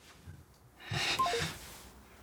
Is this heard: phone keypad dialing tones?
yes